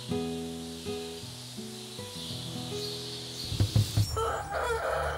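A fighting cock crows one long, raspy, stepped call lasting a few seconds, followed by a cluster of short thumps and a rustling, scratchy noise.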